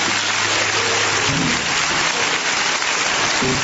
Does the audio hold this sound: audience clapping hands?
yes